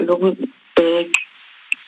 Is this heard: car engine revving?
no